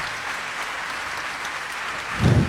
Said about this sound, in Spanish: Que ese aplauso sea más largo para recibir a un amigo, un musicazo chileno,